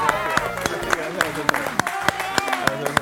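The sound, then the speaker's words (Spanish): An audience applauds a guest actress, clapping in a steady, even rhythm, about three sharp claps per second, over a continuous voiced, tonal sound that hums underneath throughout. “Un aplauso para además una actriz maravillosa”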